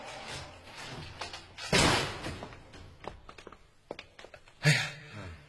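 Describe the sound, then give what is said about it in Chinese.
A locked iron gate of a residential lane is unlocked and opened at night, after 1 a.m.: a few small clicks and knocks, a loud rattling clang, more scattered clinks, then another sharp metallic bang near the end, with no talking. “哎呦，今晚这弄堂的铁门怎么也上锁了？”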